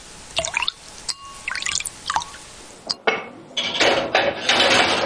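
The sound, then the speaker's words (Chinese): Broth is poured again into a pot of braised pork and pickled cabbage before steaming for an hour: a few light clinks and drips of kitchenware first, then a steady, splashing stream of liquid that grows louder toward the end. “再次倒入高汤，入锅蒸制一小时，把酸菜的酸香一点点地喂进卤肉”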